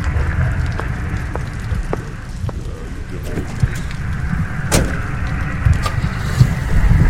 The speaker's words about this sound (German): Langsam fährt Gorhams Wagen vom Hof und die grellen Scheinwerfer tauchen den Mann, der noch immer mit dem Umschlag in der Hand dasteht, in helles Licht.